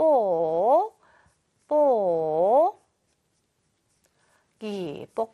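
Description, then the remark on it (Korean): A marker squeaks across a whiteboard as the Korean word for bubble wrap is written: two long, sliding squeals with a pause between, then a shorter burst of squeaky strokes, fairly loud. “뽁뽁이 써줄게요.”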